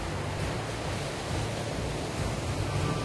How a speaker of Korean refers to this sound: 평상시와 달리 파도가 거세 위험한 상황.